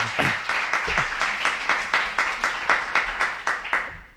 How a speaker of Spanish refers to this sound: Bueno, otra cosa no, pero a las peñas de este pueblo sí que es verdad que la jarana le va un rato. ¡Fantástico! Eso hay que aplaudirlo. ¡Viva la fiesta!